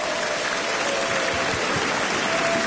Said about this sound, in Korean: 먼저 극동방송을 누구보다 사랑하시는 우리 전 국회의원이신 김회재 변호사님 오셨습니다. 네, 박수 주시기 바라겠습니다.